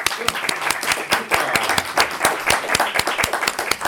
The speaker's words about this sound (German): Vielen Dank, das war super. Applaus für alle.